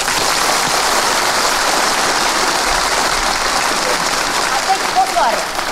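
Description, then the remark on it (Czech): An audience, asked for stormy applause, bursts into loud, thunderous clapping, a dense, steady roar that holds at full strength throughout, with a brief vocal cheer rising through it near the end. “Bouřlivý teď.”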